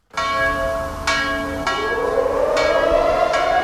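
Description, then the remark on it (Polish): The large Monter memorial bell at the Warsaw Rising Museum in Warsaw tolls at 17:00 with steady, evenly spaced strikes, each one ringing out with a rich, lingering metallic hum that overlaps the next. Loud and resonant, with no one speaking. “O 17.00 zabrzmiał dzwon monter.”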